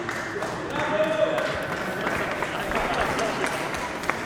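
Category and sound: crowd, applause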